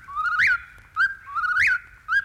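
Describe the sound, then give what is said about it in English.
A whippoorwill calls twice in a row in the distance, each call a clear whistled phrase that slides up to a sharp peak and ends in a quick clipped note, ringing out alone with no talking. “Now, if you're quiet, I think you can hear the whippoorwill in the distance. Here he comes.”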